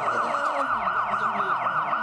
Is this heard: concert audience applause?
no